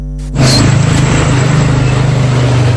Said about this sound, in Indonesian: Di setiap sudut jalanan Kota Kendari, deru mesin dan laju roda seolah tak pernah berhenti.